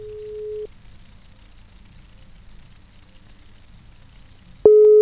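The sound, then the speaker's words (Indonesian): A steady electronic phone ringback tone sounds in repeating beeps while a call is placed to a fresh graduate, one burst at the start and another near the end, with a quiet gap and faint background hum between them. “Oke, ini masih berdering ya.”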